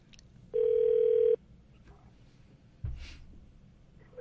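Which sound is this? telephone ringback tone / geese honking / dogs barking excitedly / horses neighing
telephone ringback tone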